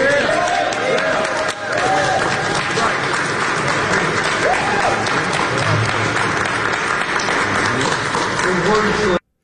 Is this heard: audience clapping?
yes